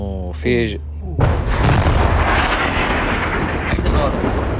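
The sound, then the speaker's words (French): A brief voice is cut off by a sudden, loud shell explosion landing very close by at night in Nabatieh, whose heavy, roaring rumble and crackling debris noise sustain for several seconds. “Cette fois, c'est tombé tout près, mais c'est trop risqué de sortir, dit-il.”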